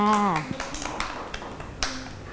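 Children clap their hands in a loose, uneven scatter of sharp claps after a brief high voice at the start, the claps fairly soft and irregularly spaced.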